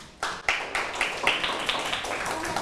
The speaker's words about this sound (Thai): ถูกต้องปรบมือให้เพื่อนกลุ่มที่สองหน่อยค่ะ